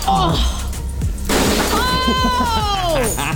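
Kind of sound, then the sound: impact, objects being smashed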